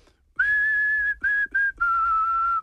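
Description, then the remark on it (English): A person whistles a strong, steady pitch in four notes: a long held tone, two short bursts, then another long tone that dips slightly lower. No one talks. “Whistle real quick.”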